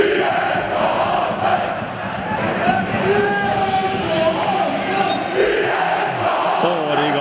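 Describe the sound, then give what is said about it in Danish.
A stadium crowd of 8,500 spectators at an AC Horsens football match in Denmark sings together in a loud, sustained chant as the team secures a place in the Superliga with a 1-0 win against Kolding, voices merging into a dense roar with a melody rising and falling throughout. “Altså, jeg tænker da godt, at de kan synge med sammen med 8.500 tilskuere, der jo i går kunne se AC Horsens sikre sig plads i Superligaen med en sejr på 1-0 mod Kolding.”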